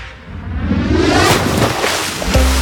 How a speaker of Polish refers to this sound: Zobacz, słyszysz te fale? To wszystko z morza, to jest na żywo.